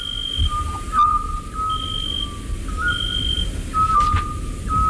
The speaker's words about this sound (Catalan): Això em consta que és un xot, que seria un mussol, no?